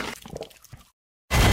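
A crisp, crackly crunch of biting into food, a rapid cluster of brittle snaps lasting under a second, followed by silence and then a sudden loud, dense burst of sound.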